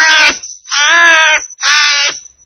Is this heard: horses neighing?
no